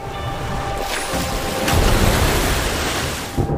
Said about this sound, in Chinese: 浪日复一日地拍打着岸边，其威力不容小觑。